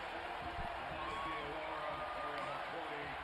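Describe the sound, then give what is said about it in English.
A basketball arena crowd in Cleveland, with Knicks fans, applauds and cheers as Knicks players Mitchell Robinson, Deuce McBride and Landry Shamet come out of the game, in a dense, steady roar that holds at an even loudness for the whole stretch, with a murmur of many voices blended in. “He'll get a round of applause.”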